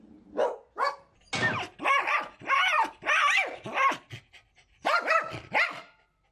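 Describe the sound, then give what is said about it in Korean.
A dog barks and howls repeatedly, loud drawn-out yowls broken by short barks in an uneven series, with no talking over it. “그 시각 지친 기색도 없이 계속해서 울부짖는 카페.”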